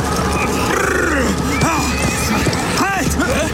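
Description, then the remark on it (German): A horse whinnies loudly and repeatedly, with shrill rising and falling cries, as its rider forcibly reins it to a stop, over a busy background of clattering hooves and rough noise, prominent throughout. “Gewaltsam stoppte er sein Pferd.”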